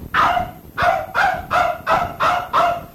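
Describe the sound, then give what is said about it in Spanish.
A dog barks six times in a steady, evenly spaced rhythm, loud, with no talking around it, as it comes running after people. “¡Ey, perrito! ¡Perrito! ¡Venite!”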